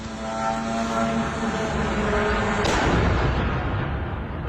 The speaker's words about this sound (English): The sound of a Russian drone as it crashed into a Romanian apartment block on Thursday night.